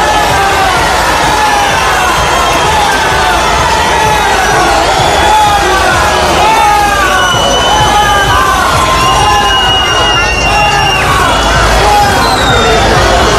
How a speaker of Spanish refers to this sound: Bueno, ya lo oyen, se pueden escuchar en la Plaza de España todo tipo de cánticos, algunos más alegres, otros no tanto,